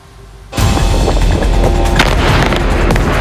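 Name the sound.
large explosion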